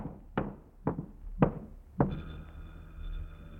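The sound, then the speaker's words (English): Four firm, evenly spaced knocks on the front door of an apartment, fairly loud, followed by a faint sustained ringing tone. No one speaks. “Somebody at the front door. Shall I answer it?”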